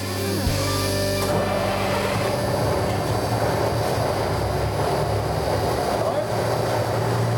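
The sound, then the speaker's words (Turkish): A 20-ton truck's engine kicks in after a brief moment and runs steadily, a loud, rough low rumble layered with a grinding, uneven mechanical whine coming from an uninspected spare transmission. “Uzun süreli tamirle uğraşmak yerine kontrolden geçmemiş yedek bir şanzıman kullandılar. Ekip 20 tonluk kamyonu müşteriye zamanında teslim etmek için her şeyi göze aldı.”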